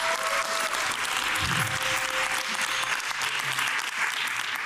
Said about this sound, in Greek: Ναι, δώστε τώρα χειροκρότημα!